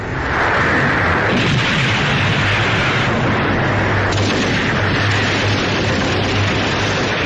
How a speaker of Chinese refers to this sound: 晨雾尚未完全消散，枪炮声、喊杀声响彻湘江两岸。